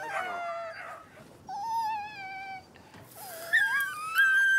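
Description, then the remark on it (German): A puppy whines in a series of high, drawn-out cries, a few steady and the last ones rising sharply in pitch, with no one talking. “Hör auf zu heulen.”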